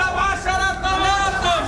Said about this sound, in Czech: Stánkaři se zeleninou halekají na kolem jdoucí, jakoby nebylo vidět, že prodávají meruňky nebo cibuli.